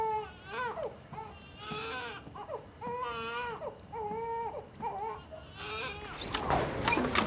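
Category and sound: human body sound, baby crying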